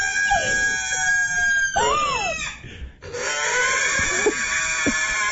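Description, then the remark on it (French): A pig squeals loudly and continuously while having its hooves trimmed, with shrill, harmonic-rich cries that rise and fall in pitch, broken by a brief gasping pause before the screaming resumes. “Les cochons d'habitude aiment tout bien ça. C'est un moment de détente, mais elle, c'est juste, elle est spéciale. Elle fait ce genre de bruit là.”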